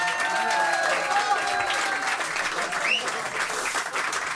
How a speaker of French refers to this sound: Alors, un tonnerre d'applaudissements pour